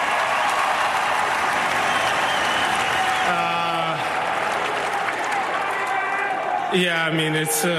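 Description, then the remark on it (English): A large stadium crowd that stayed past 3 a.m. roars and applauds in a steady, dense wash of clapping, cheers and USA chants, with a voice rising over the noise briefly in the middle and again near the end. “So what do you have to say to this crowd that actually stayed here cheering for you?”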